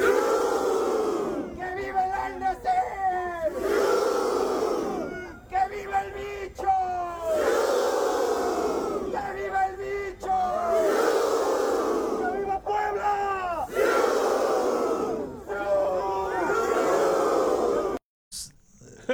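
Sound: crowd chanting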